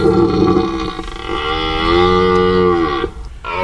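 A male stag deer bellows in one long, deep, drawn-out call lasting several seconds, loud, with rich harmonic groaning that rises and sags before breaking off into a short grunt, in a wildlife park in the Rambouillet forest, France.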